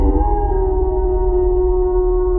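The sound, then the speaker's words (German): A wolf's long, steady howl holds one sustained, mournful pitch throughout, loud, over a low rumbling background with no voices. “Ein Laut aus einer anderen Zeit. Unverwechselbar. Der Wolf.”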